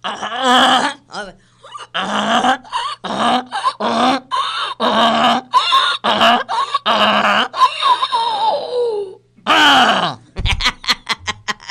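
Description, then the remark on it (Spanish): A donkey brays loudly in a long series of rhythmic, rasping hee-haw cycles with rising and falling pitch, followed by a brief burst of rapid clicking. “Y como usted pidió el burro, traigan al burro.”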